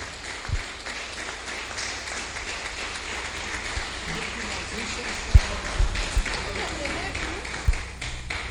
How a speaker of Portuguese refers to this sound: Vamos receber com palmas para Jesus, igreja. Glória a Deus.